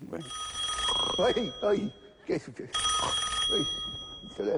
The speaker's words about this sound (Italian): Oddio, il telefono, io dico, le 3 di notte, che è successo?